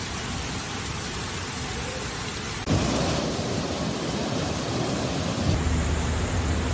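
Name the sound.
torrential rain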